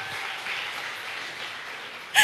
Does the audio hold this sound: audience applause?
yes